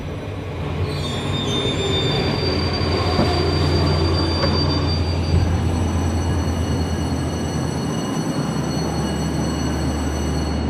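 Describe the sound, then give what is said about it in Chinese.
A train rolls into Lhasa terminal station loudly, its wheels letting out long, high-pitched squeals over a deep rumbling drone as it brakes, with no voices. “各位旅客，前方到达终点站拉萨站，请带好随身物品，有序下车。”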